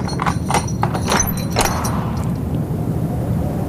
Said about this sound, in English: Well-oiled hinges. Now he's going. But that's mad. Unlocking a door at dusk. And leaving it ajar.